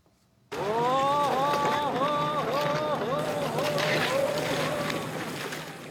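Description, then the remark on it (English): Cormorant fishing boats lit by open braziers on the Nagara River in Gifu City, central Japan, with a steady wash of water and wind noise beneath a loud voice calling out in repeated, rising-and-falling cries. “They looked on as boating crews kicked off what's known as cormorant fishing.”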